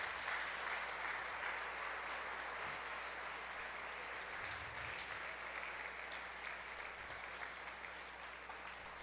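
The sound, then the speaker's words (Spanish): An audience applauds for Pope Francis, clapping steadily in a dense, sustained wash of applause that stays fairly even in loudness for the whole stretch, with no voices rising above it. “Y esta belleza de hombre que tenemos aquí, que pido que le demos un aplauso al cielo por el Papa Francisco.”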